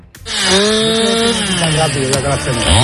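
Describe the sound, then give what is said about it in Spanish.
A chainsaw runs loud, its engine whining steadily and then bogging down in pitch as it bites into wood, with a continuous rough buzz throughout, as crews cut a wildfire control line in Mijares with chainsaws and hand tools. “Se ha establecido línea de control en Mijares con motosierras y herramientas manuales.”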